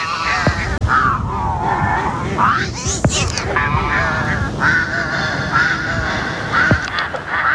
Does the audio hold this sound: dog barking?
no